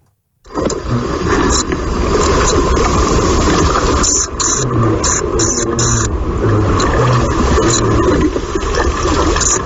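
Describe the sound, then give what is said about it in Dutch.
A common pipistrelle bat's mating call: clusters of short, buzzy, high-pitched chirps repeating in irregular bursts over a loud, steady rushing hiss, with no voices. “Ja, dat is een paringsroepje van een gewone dwergvleermuis.”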